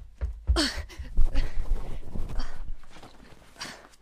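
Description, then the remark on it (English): A voice imitates someone rushing into their room and digging through clothes: a breathy series of shuffling, rustling bursts and scrapes lasting a few seconds, with no words spoken. “You rush into your room and start digging through clothes.”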